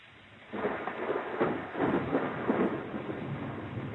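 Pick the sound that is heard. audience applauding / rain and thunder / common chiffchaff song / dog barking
rain and thunder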